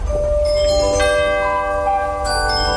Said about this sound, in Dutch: En waar luisterden jullie naar? Het was, voor ons was het eigenlijk het klokje van 7 uur en dus naar bed. Dus dat duurde 10 minuten.